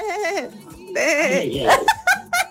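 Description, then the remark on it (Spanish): A person imitates a sheep's bleat with wavering, quavering "baa" sounds, several in a row, fairly loud, ending in short bursts that sound like giggles. “El sonido que hace la oveja se llama bala.”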